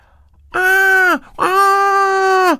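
Two loud, sustained screams, the first shorter and the second longer, each a bright high-pitched vocal cry that holds steady and then drops off at the end, with a brief gap between them.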